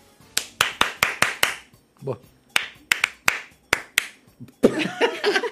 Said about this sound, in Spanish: ¿Hasta cuándo va a aplaudirle?